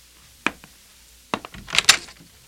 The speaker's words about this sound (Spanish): Abriré la puerta.